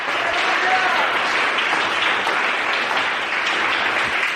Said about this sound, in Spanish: Denle un aplauso al Señor esta tarde. ¡Gloria a Dios!